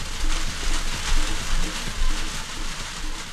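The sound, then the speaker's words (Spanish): Steady rain on a rainy morning in Quinchao hisses evenly across the whole stretch, a dense, constant wash of noise with a low rumble underneath and faint, indistinct murmuring in the background. “De día de lluvia.”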